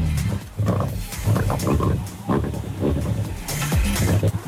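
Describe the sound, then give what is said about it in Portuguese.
A rally car engine on a special stage rumbles loudly and continuously through a muffled, narrow mobile phone line, its low growl rising and falling, with indistinct voices mixed in underneath. “Só ouvimos um carro.”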